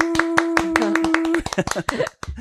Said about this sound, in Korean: 저희 박수로 한번 시작해 볼까요? 하나, 둘, 셋.